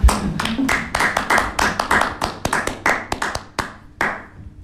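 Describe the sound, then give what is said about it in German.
Clapping hands for the technical team, in a quick, uneven run of sharp claps, fairly loud, thinning out toward the end with a few slower final claps and no talking. “Aber ich klatsche jetzt mal für das Team von der Technik.”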